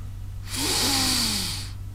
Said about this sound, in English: Take a deep breath.